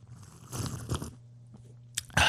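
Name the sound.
slurping coffee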